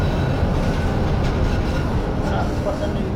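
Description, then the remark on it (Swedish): A tram rolls steadily around a turning loop, a continuous low rumble of wheels and motor with faint, thin squeaks rising briefly over the constant noise. “Han vill lyssna på hur det låter i vändslingan. Nu åker vi in i slingan här.”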